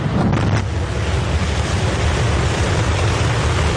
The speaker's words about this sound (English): On a picture-perfect early morning, 33 engines of Starship's Super Heavy booster roared to life.